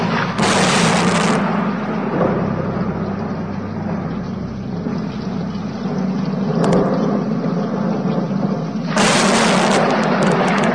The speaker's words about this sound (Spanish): Bramaban las nubes, los truenos se sucedían unos a otros, se acercaba una terrible tormenta con intenciones de arrasar a la ciudad y a la parroquia.